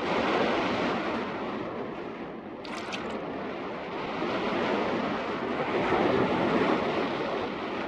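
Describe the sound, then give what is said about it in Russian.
Steady surf washes against a shore strewn with large boulders in a continuous broad rush that swells and eases, with a brief bright splash or clatter partway through. No voices are heard. “Берег усыпан большими валунами. Саша встает, касается кулаком головы мужчины. Идет к воде.”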